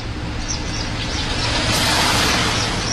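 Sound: bus arriving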